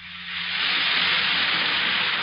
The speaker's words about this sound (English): And that's the sparkling sound of sal hepatica in a glass of water.